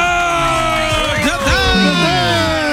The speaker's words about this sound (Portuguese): Muitos aplausos para o eterno trapalhão, Dedé Santana.